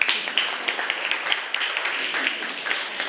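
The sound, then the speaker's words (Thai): Students in a classroom clap their hands for a classmate who answered correctly, a dense, sustained round of applause, many overlapping sharp claps at a steady moderate volume for a few seconds. “ราชสีมาถูกต้องค่ะปรบมือให้กับเพื่อนด้วยค่ะ”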